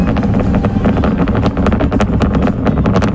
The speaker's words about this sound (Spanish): Bueno, entiendo que es el cohete despegando, sí, no es el mechero de alguno. No es una cafetera, no es una cafetera.